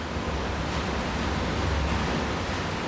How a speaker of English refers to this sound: That is the sound of the water from the artificial glaciers reaching this village in this huge underground reservoir.